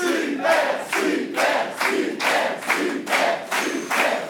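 A quiz show audience in Aveyron, France, cheers loudly in a steady rhythmic pattern, about eight regular swells of shouting over four seconds, like a crowd chanting in unison, with no one speaking.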